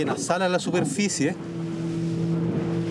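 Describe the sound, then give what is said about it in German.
A steady, droning boat engine hums as the boat is steered to be near a whale when it surfaces. A voice speaks over it at first, then the motor continues alone at an even pitch. “Er muss das Boot so lenken, dass es in dem Moment in der Nähe des Wals ist, sobald der auftaucht.”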